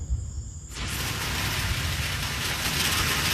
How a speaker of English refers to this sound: All right. Here's the rain. Woo. It is coming down like crazy. Holy moly. Wow.